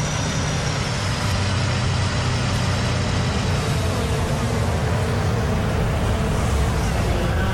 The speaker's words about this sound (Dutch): Dit is de herhaling van de klap van Lewis Hamilton, inclusief geluid.